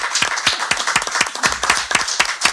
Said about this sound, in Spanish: Bueno, un aplauso, un aplauso.